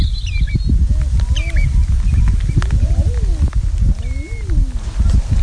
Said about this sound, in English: … enjoying the cooing and crooning of the eider, a duck made famous by St. Cuthbert.